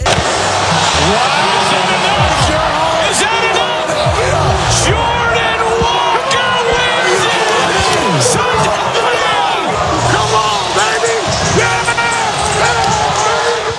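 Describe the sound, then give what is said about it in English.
A large stadium crowd at the Home Run Derby in Philadelphia fills the space with a steady, dense murmur of overlapping voices, scattered shouts and whoops rising here and there, but no big eruption of cheering. “And listen to the crowd not cheer.”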